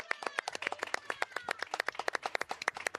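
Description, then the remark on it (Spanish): In the city of Oaxaca, a crowd applauds the travelers, clapping steadily for a few seconds, many hands making dense, overlapping sharp claps at a brisk, uneven rhythm, fairly loud with no speech over it. “Oaxaca, por favor, aplausos a todos los viajeros.”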